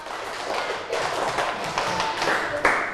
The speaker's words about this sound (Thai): ขอบคุณมากค่ะเอาปรบมือเป็นสเต็ป1รอบ